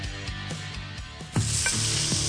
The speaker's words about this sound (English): You hear that? Those are baby back ribs from Big Y being smoked low and slow.